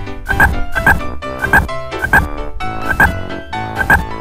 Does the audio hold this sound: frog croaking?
yes